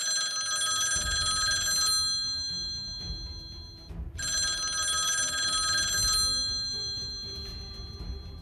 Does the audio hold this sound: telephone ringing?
yes